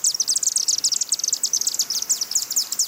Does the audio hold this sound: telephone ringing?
no